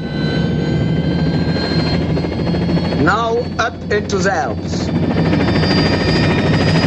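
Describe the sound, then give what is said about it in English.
A loud, steady helicopter engine whine and rotor drone fill the whole stretch as the blades of an orange and white helicopter begin to spin, with a voice speaking briefly over it midway. “From the road below, Campbell watches the chopper blades begin to spin.”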